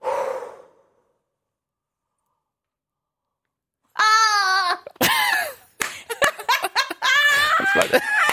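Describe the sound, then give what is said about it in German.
A breathy exhale, a long silence, then a strained, squeaky scream with wavering high pitch, breaking into choppy squeals like a rubber duck being squeezed. “Das hat sich so ein bisschen angehört wie so eine Ente, eine Quietscheente.”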